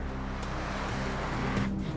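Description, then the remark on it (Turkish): A vehicle drives along an airport runway in Barrow, Alaska, for an Alaska Department of Transportation brake test of braking and grip on the asphalt, its engine a steady rumble with road noise that holds constant throughout and no voices. “Alaska Ulaşım Dairesi fren testini yapana kadar Luke'un uçağı havada daireler çizecek.”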